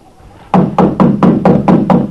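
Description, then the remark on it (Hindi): Loud, insistent knocking on a door, seven heavy, forceful blows in a steady rapid rhythm, with no voices. “अरे बंद बंद, दरवाजे मत तोड़िए। जरा दरवाजा तो खोलिए।”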